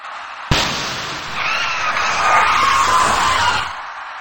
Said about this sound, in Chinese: 那辆行驶在第三条车道中的面包车，左后侧轮胎像是突然出现了爆胎的状况。所幸驾驶该车的司机及时控制住了车身，这才没有造成更为严重的后果。